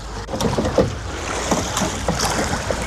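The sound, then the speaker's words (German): Oars of a two-person para-rowing boat pull through water in a steady series of strokes, five normal strokes after the call, splashing and swishing over a constant wash of moving water and light wind, with no voices. “5 Schläge normal, Rücklage und los.”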